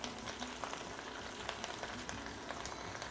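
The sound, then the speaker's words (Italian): Soft, steady sizzling of cavolo nero with coarse salt frying in oil in a pan as the heat is turned down, a dense crackle of tiny pops and hiss running throughout, fairly quiet, with no talking. “Comincia a sfrigolare, va bene.”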